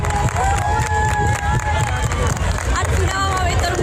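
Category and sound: crowd, crowd applauding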